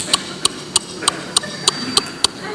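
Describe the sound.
A young man's voice imitates the turn signal of an old R11 car with about nine sharp, evenly spaced clicks at a brisk steady tick, each bright and crisp over a low, faint background hum.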